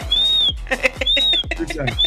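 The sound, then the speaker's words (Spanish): A shrill whistle sounds twice, signalling that the broadcast is on the air, each a long, high, arching note, with murmured vocal sounds and short chirpy noises filling the gaps between them. “Ese es el chiflido, primo, de que ya estamos al aire.”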